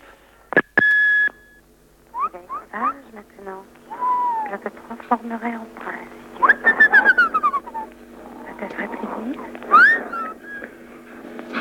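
A bird coos and chirps in a busy string of varied calls: soft warbling coos mixed with sharp whistles and beeping notes, nearly continuous throughout.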